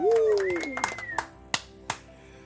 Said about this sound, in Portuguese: Bate palmas aí pro futuro lindo que você tem.